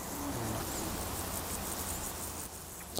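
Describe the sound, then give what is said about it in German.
A bow-winged grasshopper chirps steadily in the background of an outdoor meadow, its buzzy insect song soft and continuous amid faint ambient noise, with no voices present. “Auf der Wiese aber verraten sie sich durch ihren Gesang. Hörst du, hinten ist es. Das ist der Nachtigallgrashüpfer.”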